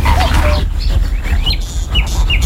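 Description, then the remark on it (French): A zitting cisticola, a tiny bird, gives a few thin, sharp chip calls at uneven intervals over a steady low rumble of wind and background noise. “On entend un petit chip, chip, chip. En fait, c'est la cisticole des gens, qui est un tout petit oiseau qui chante en volant.”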